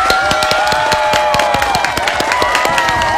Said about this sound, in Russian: Ну, а вам, друзья, не партенокарпические, а самые настоящие громкие аплодисменты.